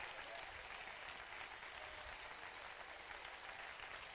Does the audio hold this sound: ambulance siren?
no